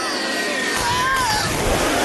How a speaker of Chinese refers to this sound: 啊！什么声音？ 啊！别紧张，格拉迪斯，就只是一群鹈鹕下水去捉鱼而已。